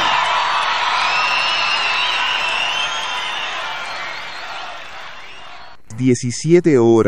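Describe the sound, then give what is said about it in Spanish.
A loud, sustained wash of audience applause and cheering with scattered whoops fills most of the stretch, fading slightly before it cuts off and a single voice begins speaking. “fuerte, fuerte, fuerte, fuerte, fuerte, fuerte el aplauso.”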